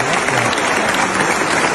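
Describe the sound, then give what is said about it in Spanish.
A large standing crowd claps enthusiastically, a dense, loud and continuous roar of applause that fills the whole moment without letting up, welcoming Dolina as he is about to receive an honorary doctorate (honoris causa) in a packed hall. “Un aplauso cerradísimo para recibir a Dolina.”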